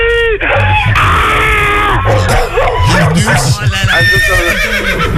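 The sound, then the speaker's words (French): A person loudly imitates a horse, giving several shrill, wavering whinnies, with other voices and yelling mixed in. “Oh, tu es ni tout à coup. Oh, c'est un cheval, c'est normal.”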